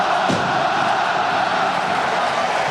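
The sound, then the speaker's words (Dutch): A huge crowd in a 60,000-capacity stadium in Spain keeps singing together acoustically after the music stops, a dense, steady wall of massed voices that holds at an even loudness throughout. “Dat er nog even akoestisch doorgezongen wordt.”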